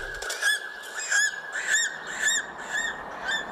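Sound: eagle cry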